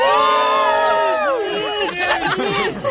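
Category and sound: crowd, crowd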